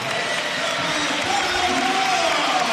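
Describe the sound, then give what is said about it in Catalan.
A crowd applauds steadily for a few seconds as captain Carlos Barrón comes on as a substitute for the last 5 minutes of a regular-season league match, a dense, even wash of clapping at constant loudness with faint cheering voices mixed underneath. “I ara entrarà Barrón, l'aplaudiment de Somo.”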